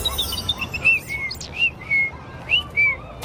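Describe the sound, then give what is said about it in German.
A European robin, a small bird with a red breast, chirps in short, high, clear whistled notes, repeated every half second or so, alone with no voices, over a soft background hiss. “Das war kein Spatz, das war so ein kleiner Piepmatz mit ganz roter Brust. Ach, dann war das ein Rotkehlchen.”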